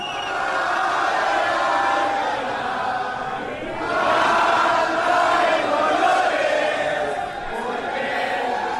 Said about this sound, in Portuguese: Essa é a música da torcida mexicana, olha aí.